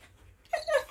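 Bandit, a TV dog, lets out a short, high-pitched whimper when asked a question on WDR 2 radio, two quick whiny tones close together, with no one talking over it.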